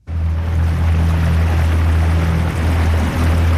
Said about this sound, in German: Wir sind unterwegs mit einem kleinen Boot vom Bootshafen Sursee aus, raus auf den Sembacher See. Kein Lüftchen geht, die Sonne scheint, der See ist spiegelglatt.